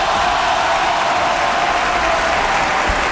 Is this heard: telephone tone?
no